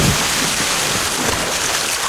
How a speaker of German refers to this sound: Das seid ihr. Das seid ihr, wie ihr kopfüber ins Wasser fallt beim Wasserskifahren.